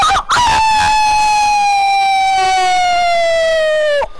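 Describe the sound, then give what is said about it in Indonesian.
A man's voice imitates a rooster crowing: one loud, drawn-out call held for several seconds, its pitch sliding slowly downward before it cuts off abruptly. No other sounds accompany it. “Semoga sehat selalu juga dan kokokannya makin nyaring tentunya.”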